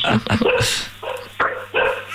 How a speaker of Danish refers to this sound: Hunde, kan vi høre?